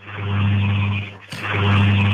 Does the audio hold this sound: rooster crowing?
no